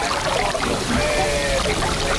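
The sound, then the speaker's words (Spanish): Seawater washes and sloshes against the harbour breakwater of Bayona, in the Rías Baixas near Vigo, Spain, in a steady, continuous rush, moderately loud, with no distinct single crash standing out and no voices. “Estáis escuchando cómo suena el mar contra el espigón del puerto de Bayona, esa localidad turística de las Rías Baixas cercana a la ciudad de Vigo.”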